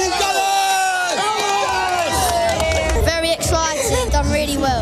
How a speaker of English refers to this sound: Supporters have set off flares and climbed lampposts to cheer on their heroes during a two-hour open-top bus parade. These fans say it's been a long time coming.